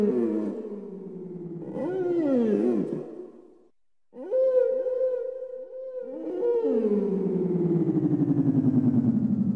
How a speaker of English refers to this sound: You might even, if the night is quiet and still, hear them talking to each other with whale song.